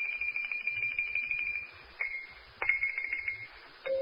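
A xylophone played in rapid rolls, holding a high ringing note with brief breaks before dropping to a lower note at the end. It sounds fairly quiet, with no talking.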